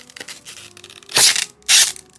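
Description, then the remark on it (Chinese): A packaging box is torn open in two loud, harsh ripping bursts, the second following shortly after the first, with softer rustling and crinkling of the packaging before them. No one speaks. “这是那个包装盒，一着急不知道叫啥的车型”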